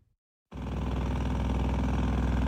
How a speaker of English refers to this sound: This is life in Marina. Jackhammers pound away and tractors back up as a construction crew paves the way for a new building near the VA clinic.